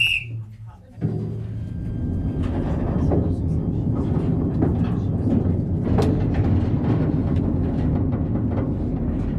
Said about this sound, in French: avec ce magnifique train, nous venons de parcourir 300 mètres de galerie sur les 4 km que comptent les ardoisières